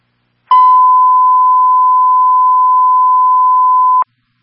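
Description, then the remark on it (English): A steady, loud electronic tone holds one pitch for about three and a half seconds, starting and stopping abruptly: a radio dispatch Signal 15 tone transmitted for a fire alarm at the Scotty Center, 30 Aviation Road, with no voices over it. “A signal 15 is being transmitted for the fire alarm at the Scotty Center, 30 Aviation Road.”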